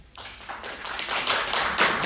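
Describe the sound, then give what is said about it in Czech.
A crowd breaks into applause to vote on whether the paintings on the host's left are the artist's, starting with a few scattered claps that quickly swell into steady, dense clapping. No one speaks. “teď vlastně nevíte, které jsou její obrazy, protože říkáte, kdo si myslí, že jsou to obrazy po mé levé ruce? Zatleskejte.”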